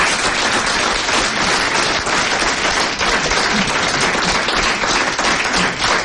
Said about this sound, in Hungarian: Hölgyeim és uraim, most pedig következik egy ifjú tehetség, aki már nem először jár nálunk, és minden bizonnyal nem is utoljára. Fogadják nagy tapssal